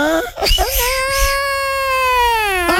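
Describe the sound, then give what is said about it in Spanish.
A voice imitates La Llorona as she sounds in Mexico, a woman's long, mournful wail: one sustained high crying tone held for a couple of seconds after a few short sobbing breaths, loud. “Se la llorona, ¿no, güey?”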